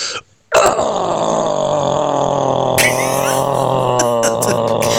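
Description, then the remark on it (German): A male radio caller growls like a metal singer, a long, loud, rough guttural roar held for about four seconds after a brief pause, with a raspy, gravelly buzz throughout. “Mein Grollen geht so.”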